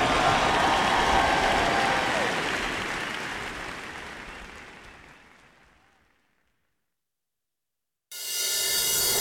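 A dense wash of audience applause, loud at first and gradually fading to silence over several seconds, followed after a pause by an abrupt burst of bright, noisy sound.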